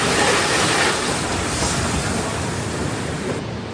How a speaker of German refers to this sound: Einer der Sonderzüge vom Darmstädter Hauptbahnhof nach Darmstadt-Kranichstein, an dem an diesem langen Wochenende die Kranichsteiner Bahnwelttage stattfinden.